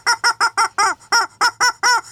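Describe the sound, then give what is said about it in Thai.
A chicken runs about in a panic, squawking loudly and frantically, about nine sharp, harsh cries in quick succession, with no talking over them. “ปรากฏว่าผ่านไปไม่นานเองอะเจ้าเม่นเจ้าตุ่นเจ้าโดยเฉพาะเจ้าไก่นี่วิ่งหน้าตาตื่นเสียงลั่นเลย โอ้ร้องมาไม่กันเสียงดังฮะ”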